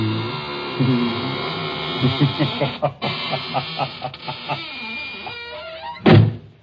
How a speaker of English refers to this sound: Well, now I guess it's really time to close that there squeaking door.